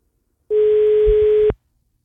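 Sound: telephone ringing tone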